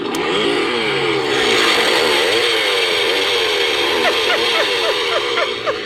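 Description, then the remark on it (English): A newly bought Halloween prop chainsaw roars loudly and continuously, its engine buzz swinging up and down in pitch, with a quick series of sharp revs near the end. “It's my new chainsaw I just got.”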